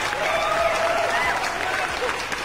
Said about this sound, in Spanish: Para todos los albañiles, buenos días. Y un aplauso para ustedes.